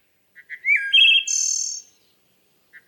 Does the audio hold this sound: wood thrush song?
yes